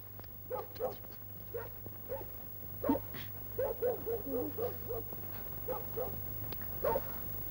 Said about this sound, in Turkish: Bu köpek ne havlayıp duruyor be? Birisi mi var dışarıda? Aa, yok! Kim olacak babacığım? Küçücük köpek bu!